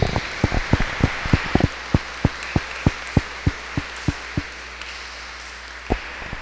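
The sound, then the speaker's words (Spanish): A small audience at a Mass claps for a member's 93rd birthday in a sparse, fairly steady patter of sharp hand claps that thins out and fades over several seconds, with no talking. “en su cumpleaños número 93 con un fuerte aplauso.”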